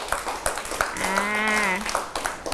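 Scattered, uneven hand claps from several children in a class, praising a classmate, with a drawn-out high-pitched voice calling out partway through before the clapping picks up again.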